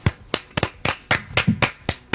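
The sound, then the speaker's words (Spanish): Hand clapping applause after a Spanish-language weather report for the Los Angeles area: about nine sharp, crisp claps in a steady, slightly uneven rhythm of roughly four per second, fairly loud, with no talking. “¿Y ahora por qué me aplauden?”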